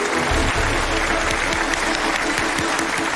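Steady, loud applause from a large audience fills the whole stretch, a dense continuous patter of many hands clapping with no voices rising above it.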